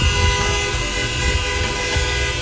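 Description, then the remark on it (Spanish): Car horns honk loudly and without a break, several overlapping tones blending into one sustained, blaring wall of sound over a low rumble, with no voices. “Sube la ventana mejor, mucho bocinazo.”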